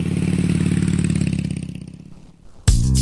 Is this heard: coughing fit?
no